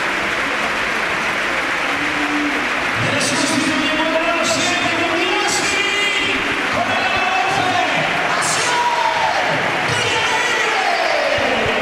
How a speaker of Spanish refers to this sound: ¡Qué ovación cerrada a los cuatro!